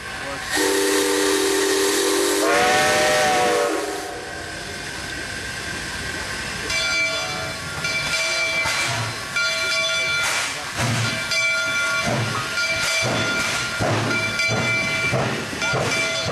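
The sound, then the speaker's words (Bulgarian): A steam train's whistle blasts loudly for a few seconds over a rush of hissing steam, then the engine keeps venting and chuffing with rhythmic puffs and faint metallic tones. “Нищо според някои, но не и според онези, на които влака им тръгва точно в този час.”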